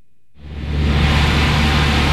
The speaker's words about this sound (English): That's the sound of a noisy, antiquated window air conditioning unit at Hollister Elementary School.